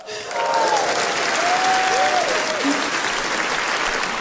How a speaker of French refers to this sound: Mais monsieur, excusez-moi, mais pourquoi t'applaudis comme un malade comme ça?